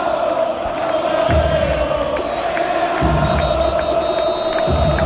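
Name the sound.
stadium crowd shouting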